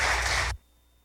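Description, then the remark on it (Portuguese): A loud burst of audience applause at a sanctuary, welcoming visitors who are there for the first time: a dense wash of many hands clapping that lasts about half a second and then cuts off abruptly into near silence. “Uma salva de palmas para todos, né?”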